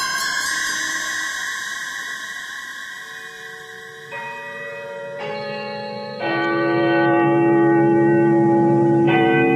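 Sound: clock tower bell ringing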